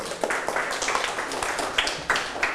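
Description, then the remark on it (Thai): A group of people clapping together, a dense, steady patter of many hands with a few sharper claps standing out, continuing throughout with no talking. “กลุ่มหนึ่งปรบมือให้กลุ่มหนึ่งครับ”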